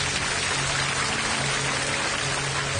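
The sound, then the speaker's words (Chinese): A TV program's studio audience applauds steadily to welcome Chang Desheng of Jiangxiang Village, Zhitang Town, Changshu, Jiangsu, a dense wash of many hands clapping at even loudness throughout, with no voices over it. “今天我们在节目的现场特别邀请到了江苏省常熟市支塘镇蒋巷村常德胜同志，掌声欢迎他。”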